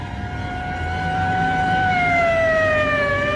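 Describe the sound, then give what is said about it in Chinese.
A police car siren wails in one long, unbroken tone that gradually slides lower in pitch as the police car speeds away, staying fairly loud over a low traffic rumble, with no voices. “警车拉着长长的警笛，又呼啸着驶去了。”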